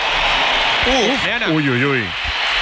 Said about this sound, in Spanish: Yo creo que hay más aplausos que pitos, pero han pitado primero unos cuantos y la mayoría del Bernabéu, en mi opinión, aplaude la entrada de Vinicius después de escuchar unos silbidos. Pero ha habido silbidos, me sigue sorprendiendo.